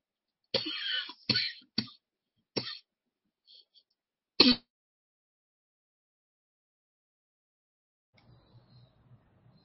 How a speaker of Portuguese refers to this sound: tá com a tosse